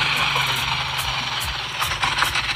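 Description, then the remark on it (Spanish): A motorcycle taxi (motoconcho) engine that had stalled and won't start runs with a low rumbling idle, sputtering and wavering unevenly against a steady wash of outdoor noise, with no one talking, on the way to the river in Moca. “El motor, la motocicleta no quiere prender.”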